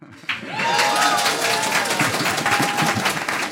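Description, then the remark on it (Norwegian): A live radio-show audience at Jernbanekaféen in Narvik, Norway, bursts into sustained applause, dense clapping at steady loudness, with some cheering and whistles rising above it and a voice faintly audible underneath. “og med det så sier vi takk for oss, og ikke minst takk til et helt fantastisk publikum som faktisk vant utfordringen om å være Nord-Norges beste publikum.”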